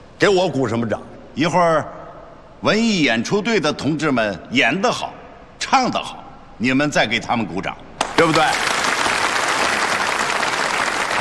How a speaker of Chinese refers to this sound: 给我鼓什么掌？一会儿，文艺演出队的同志们演得好，唱得好，你们再给他们鼓掌，对不对？